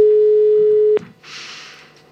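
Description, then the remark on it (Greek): One steady, loud ringback tone sounds for about a second on a phone line while a woman is being called, then cuts off and gives way to a soft rushing hiss. No one speaks. “Δεν και περιμένει και πάνω από το τηλέφωνο η γυναίκα.”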